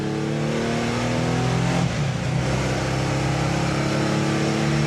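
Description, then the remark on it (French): A car engine revs steadily and loudly, its low harmonic drone dipping briefly around the middle before climbing back up, as Jean-Marc's car is driven carefully by someone other than its owner for the first time. No one speaks. “Déjà que Jean-Marc était très très inquiet, hein, parce que c'est la première fois que quelqu'un d'autre conduit sa voiture.”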